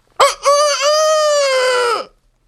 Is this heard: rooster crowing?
yes